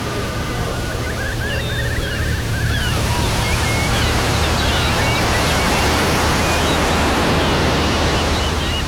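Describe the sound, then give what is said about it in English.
Ocean waves wash steadily onto a beach in East Anglia, a continuous loud roar of surf with a broad hissing wash, a few faint high bird-like chirps early on and a low hum underneath. “Escape to the beaches of East Anglia.”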